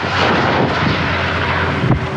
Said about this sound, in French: Sur place, 700 sapeurs-pompiers sont mobilisés, accompagnés par d'importants moyens aériens. Des hélicoptères bombardiers d'eau, des canadairs, mais aussi des avions Dash.